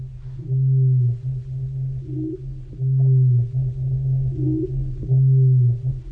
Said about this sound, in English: Okay, so let's listen to another modern day sound. This is actually a black cricket, which makes noise with its wings. And here's what that sounds like.